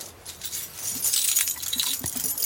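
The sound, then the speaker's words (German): A bunch of keys to every apartment in a building jangles, a bright, scattered metallic jingling that builds after a quiet start and keeps rattling unevenly to the end, with no voices. “ich habe alle Schlüssel zu jeder Wohnung, auch zu Ihrer.”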